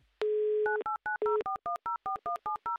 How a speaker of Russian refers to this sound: Номер телефона мы набрали